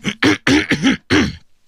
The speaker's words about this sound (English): Sorry about that. I know I'm getting a cough.